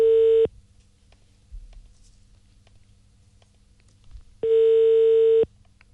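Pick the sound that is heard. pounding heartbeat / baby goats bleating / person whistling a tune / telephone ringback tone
telephone ringback tone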